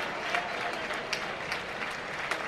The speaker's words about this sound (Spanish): Pues va al tercio a recibir el cariño del público portuense. Una gran ovación. Y saludos desde el tercio.